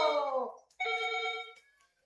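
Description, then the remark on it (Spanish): A telephone rings with an incoming call on a show's phone lines, two short electronic trilling bursts separated by a brief gap, clear with no voices. “Ok, chicos, Emus va a contestar también nuestras líneas de teléfono, así que llama rapidito.”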